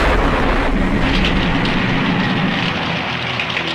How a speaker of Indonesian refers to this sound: Sesaat setelah Mai Lama mengucapkan kata-kata itu, petir dan guruh menyambar bersahutan.